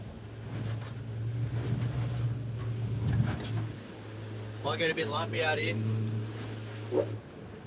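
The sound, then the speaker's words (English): A motorboat engine drones steadily as a research team heads out to sea after a smart drum line alert, with rushing wind and water noise over it, and brief voices partway through before the motor cuts out near the end. “Within minutes, his team are heading out to sea.”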